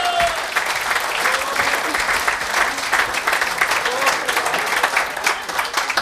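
Sustained audience applause, a dense steady wash of many hands clapping at a fairly loud, even level for several seconds, with a faint whistle or cheer near the start.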